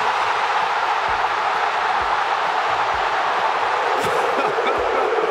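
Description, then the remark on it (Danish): A packed stadium crowd roars and shouts 'sui', the cry fans give when Cristiano Ronaldo scores, in a dense, unbroken wall of voices that stays loud and steady throughout, with a few low thumps beneath. “Der bliver altså råbt, sui!”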